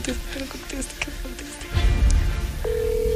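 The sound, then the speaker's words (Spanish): Muffled voices and rustling fill the first part, then a steady electronic phone ringing tone starts near the end and holds, like a call from a cellphone waiting to connect. “No, pero ya estoy llamando.”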